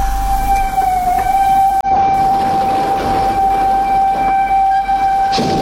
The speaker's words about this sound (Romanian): Mămico, mămico, auzi trenul? Hai la fereastră să ne uităm. Vine un tren? Da, uite, a oprit. Câți oameni coboară în stație.